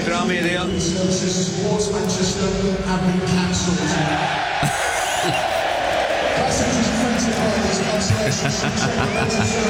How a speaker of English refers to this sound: So the Hull fans were very excited because the trains back to Manchester were cancelled and it was announced over the public address system.